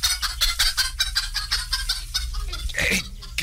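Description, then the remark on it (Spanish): A hen with chicks on a hill clucks steadily and rapidly, with high, thin chick peeps mixed in. A low constant rumble sits underneath, and nobody speaks. “Una gallina con pollos aquí en el cerro.”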